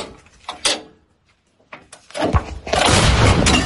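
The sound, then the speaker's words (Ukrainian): A few faint clanks are followed by a powerful shot from an artillery gun fired by its crew in Ukraine's Kharkiv region, booming, then a broad roaring rumble that carries on loudly until the end. “Гармату до бою екіпаж готує буквально пару хвилин. Постріл!”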